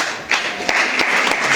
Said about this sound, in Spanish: ¿Vinieron los hermanos de San Antonio Abad? ¿No vinieron? Bueno, fuerte y caluroso aplauso para ellos.